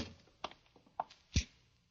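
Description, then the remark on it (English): A door is pushed shut: a few light taps and clicks lead into one solid, low thud, followed by quiet. “Well, close the door.”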